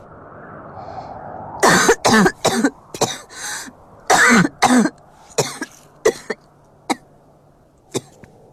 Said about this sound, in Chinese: 刚停止的咳嗽声骤然间又响了起来